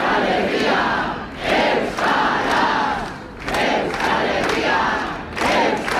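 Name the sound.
protest rally crowd chanting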